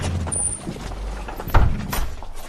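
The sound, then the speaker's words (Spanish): A heavy door is opened with a low rumbling scrape and a solid clunk partway through, over a steady background hum, with no voices. “¡La puerta está abierta!”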